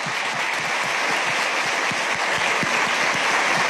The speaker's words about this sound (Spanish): Un aplauso para todos los papás aquí presentes.